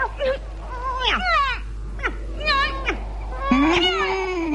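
A cat meows repeatedly, several short, rising-and-falling cries in quick succession, close and fairly loud, ending with a longer drawn-out meow over a faint low hum.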